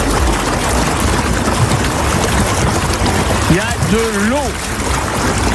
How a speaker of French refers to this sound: Il y a de l'eau. On peut fermer le robinet? Fermez-moi le robinet.